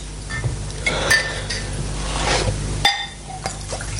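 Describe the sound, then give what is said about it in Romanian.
Glasses clink a few times as whisky is served, neat without soda, short bright rings spaced out over a few seconds, with a soft pouring rush between them and a low background hum; no one speaks. “Eu zic atunci să bem un pahar de whisky. Simplu, fără sifon.”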